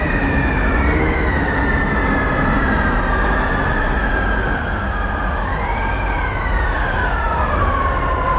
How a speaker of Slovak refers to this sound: Vietor že plače? Malý blázon, vietor sa smeje. Vietor je bezcitný a preto sa im vysmieva.